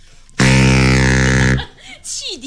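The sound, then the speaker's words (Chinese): A baritone saxophone blows one long, loud, low note in imitation of a ship's whistle, buzzy and steady for about a second, then breaks off as voices start talking. “汽笛响 啊，对对对，汽笛响。”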